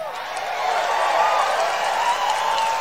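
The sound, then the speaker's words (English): A large crowd at a rally cheers and roars in a steady, dense wash of many voices, loud and sustained for a few seconds with no single speaker standing out. “I mean, yeah, he's got a good crowd there too. Good crowd there.”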